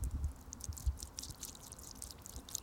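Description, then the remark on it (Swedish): A hand splashing and stirring in a drinking-water fountain in Gothenburg, with soft irregular slaps and trickles of water over a low background hum, no voices. “Nu drog jag handen där i. Det kanske man inte får göra. Ja, det pålar ju på.”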